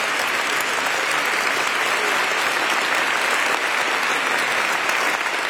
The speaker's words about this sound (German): Ein Applaus nochmal für den Nunzius von Deutschland.